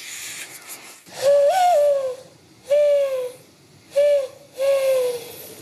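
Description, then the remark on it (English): Four hollow, breathy coos blown through cupped hands to imitate a mourning dove: one longer note followed by three shorter ones, fairly loud, with no talking. “even learned to coo like a dove by blowing into her cupped hands.”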